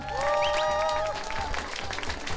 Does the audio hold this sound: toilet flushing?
no